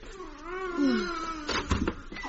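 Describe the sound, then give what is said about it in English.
A baby cries in one long, wavering wail that rises and falls, followed by a few short bursts of clatter and rustling. “The baby's crying.”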